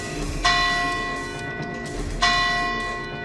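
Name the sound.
church bells ringing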